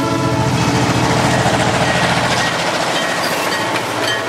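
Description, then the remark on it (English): A freight train rumbles past outside a bedroom window in the early morning hours, loud and continuous, its heavy rolling roar mixed with sustained horn tones, with no one talking. “frog named Legs Van Winkle was awakened in the wee hours one morning by the sound of a passing freight train outside his bedroom window.”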